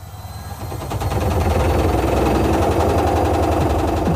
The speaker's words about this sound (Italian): Ancora con quella vecchia lavatrice che balla il tip tap?